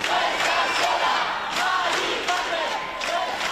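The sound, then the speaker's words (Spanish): A crowd of about a thousand people gathered to try to stop the eviction of an elderly woman from her home of 70 years shouts and chants support together in a steady, dense roar, many voices overlapping with rising bursts of yelling throughout. “La anciana salía del domicilio que ha habitado durante 70 años, lo hacía en camilla, era trasladada en ambulancia al Hospital Gregorio Marañón, entre los gritos de apoyo del millar de personas que se habían concentrado allí tratando de impedirlo.”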